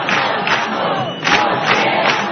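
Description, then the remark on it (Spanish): A large crowd at a tenants' union assembly in the Puerta del Sol, Madrid, chants slogans such as 'no nos vamos, nos quedamos' and 'huelga general' in unison, loud and continuous, with rhythmic surges of voices recurring roughly every half second over a dense roar of many people. “Además del no nos vamos, nos quedamos, en la asamblea organizada en la Puerta del Sol se escucharon recurrentemente 2 palabras.”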